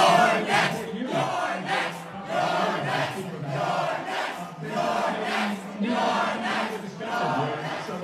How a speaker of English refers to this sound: He's the Democrat leader in the House of Representatives, and the communists in New York are chanting at the Democrat leader in the House of Representatives, you're next. You're next, meaning we're going to target you.